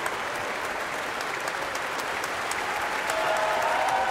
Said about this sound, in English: Everyone in the audience is on their feet and cheering.